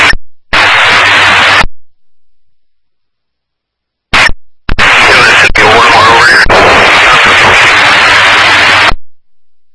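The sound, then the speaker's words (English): Loud bursts of harsh radio static crackle in short spurts, cutting in and out abruptly with brief silences between, then a longer continuous hiss near the end. “10-9 is Alpha, that's in conference, come in static.”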